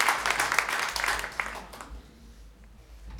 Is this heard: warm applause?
yes